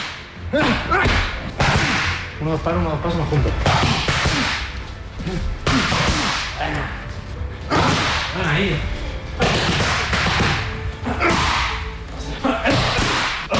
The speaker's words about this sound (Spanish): Este es el sonido. Así suenan los puñetazos de Topuria cuando entrena con Climent.